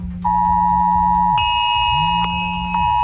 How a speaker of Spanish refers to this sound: Y esta mañana a algunos les habrá sorprendido esta alarma en sus móviles alrededor de las 11:15 de la mañana.